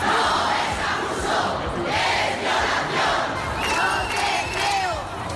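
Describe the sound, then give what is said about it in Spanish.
A large crowd of feminist protesters shouts together in unison in the streets, in front of courthouses, town halls or squares, a loud, continuous wall of voices rising and falling in rhythmic chants, with a few higher cries standing out above the mass. “La indignación arreció en las calles en una de las mayores movilizaciones feministas de nuestra historia reciente.”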